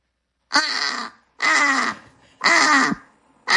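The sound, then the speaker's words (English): A voice imitates a British crow, giving three loud, harsh, rasping caws at an even pace, with a fourth just starting at the end. Each call is drawn out, with no talking. “Typical, the British one definitely sounds more miserable, doesn't it?”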